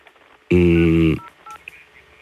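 A single loud telephone line tone sounds for about half a second after a mobile phone call drops because the other phone's battery ran out, then cuts off abruptly, leaving faint background hiss and a few quiet clicks.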